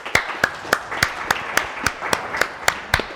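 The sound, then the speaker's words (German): Steady rhythmic clapping, about a dozen sharp, evenly spaced claps at a brisk even tempo, moderately loud, with no voices over it. “das ist jetzt Ihr Applaus.”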